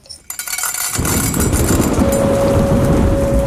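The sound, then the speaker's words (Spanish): A large electrical thunderstorm with heavy rain begins near a studio. After a brief quieter start, a loud, dense roar of downpour sets in and holds steady throughout, with no voices. “Está comenzando una gran tormenta eléctrica cerca del estudio.”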